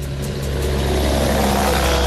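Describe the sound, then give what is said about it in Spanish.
Steady, loud rumble of the usual truck traffic moving along the coastal avenue in the lower part of Chañaral, a continuous low engine drone with traffic noise and no voices. “Como pueden escuchar, está el flujo de camiones habitual en esta parte de la ciudad, en la parte baja, en la parte donde tras el aluvión del 2015 se concentró la mayor cantidad de agua, o sea, por acá bajaba el agua al mar.”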